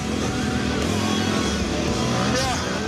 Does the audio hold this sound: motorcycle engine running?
yes